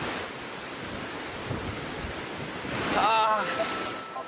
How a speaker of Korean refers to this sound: 우기에는 분당 5억 리터의 물이 절벽 아래로 쏟아진다는데요. 엄청난 물보라가 빅토리아 폭포 주변을 감쌉니다.